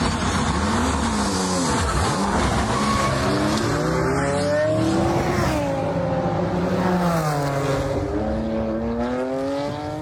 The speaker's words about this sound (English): That's the sound of a car race by Team Brit.